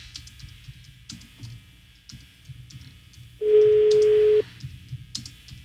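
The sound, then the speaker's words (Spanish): A telephone ringback tone sounds once while a phone number is being called to see if someone answers: a loud, steady mid-pitched beep lasting about a second. It rises over faint ticking clicks and a low background rumble, with no talking. “A ver si contesta este chavo.”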